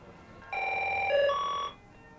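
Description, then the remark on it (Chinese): A telephone rings once, a bright electronic trill that shifts pitch partway through and lasts about a second, heard clearly and alone with no voices. “你的电话接的。”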